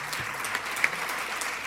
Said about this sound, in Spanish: Este aplauso es para ustedes y por supuesto para sus familias.